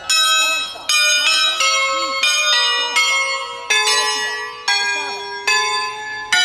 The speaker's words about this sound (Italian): Queste campane sono diventate patrimonio dell'umanità e questo credo che sia un segnale importante che anche da Andorra vuole partire